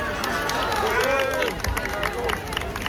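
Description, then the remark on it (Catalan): A crowd claps and cheers in a busy, continuous wash of applause, with scattered sharp claps and overlapping voices calling out through the noise, as Princess Leonor arrives at Universidad Carlos III de Madrid early in the morning among television cameras on her first day of studies. “Així entrava a la universitat, aplaudida a primera hora del matí, entre càmeres de televisió, amb una imatge excepcional d'entrada, no?”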